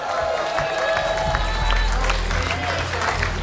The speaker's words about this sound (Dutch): Applaus.